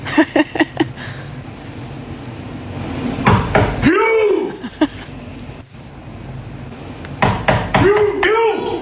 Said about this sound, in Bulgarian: Да почукам по този начин на вратата на хотела, поне в който бяхме, за световното повдигане на тежести.